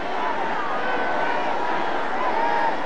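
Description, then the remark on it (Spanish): A large crowd in the Zócalo chants together "Es un honor estar con Claudia hoy" to President Claudia Sheinbaum, a dense, steady roar of many voices rising and falling in unison for the whole few seconds, loud and continuous. “Escucha el grito de la gente.”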